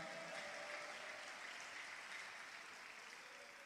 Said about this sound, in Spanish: ¿Puede darle un fuerte aplauso a Cristo?